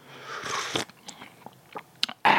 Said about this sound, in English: But first, let's have another slurp to wash away the sickly aftertaste. Or sugary aftertaste. Take your pick.